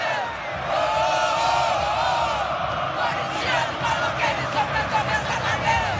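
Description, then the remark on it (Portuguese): A large crowd of Corinthians fans sings together at the Neoquímica Arena after the referee's final whistle of a match in which Corinthians was eliminated, a dense wall of chanting voices with rising and falling melodic lines and rhythmic pulses, loud and sustained throughout. “Assim que terminou o jogo, o árbitro apitou o final da partida, a torcida começou a cantar e não para, ó.”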